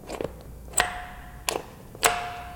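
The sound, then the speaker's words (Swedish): An old doorbell at August Strindberg's Blue Tower, Drottninggatan 85 in Stockholm, rings in three sharp metallic strikes, each leaving a bright, sustained tone that hangs briefly before the next, preceded by a couple of faint clicks. “Funkar ringklockan fortfarande? Vi ska se.”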